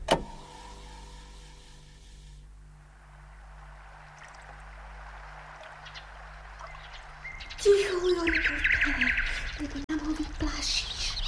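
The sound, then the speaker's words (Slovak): A nightingale sings at sunset as everything grows quiet, recorded during birdsong collecting: bright, whistled phrases with quick sliding notes burst in during the last few seconds, after a long stretch of steady hiss over a low hum. “No, to predsa Slávika. Nepočuješ? Nepočuješ, ako krásne spieva?”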